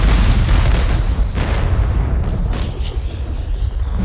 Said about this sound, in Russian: И уже совсем скоро в Москве прогремит салют в честь войск Ивана Конева.